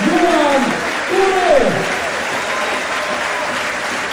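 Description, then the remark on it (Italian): Loud, steady applause from a large stadium crowd giving a standing ovation to a player substituted off after scoring twice in a derby match, a dense wash of clapping and cheering that holds throughout, with a few voices calling out above it in the first moments. “Tutti in piedi, standing ovation per Pavone”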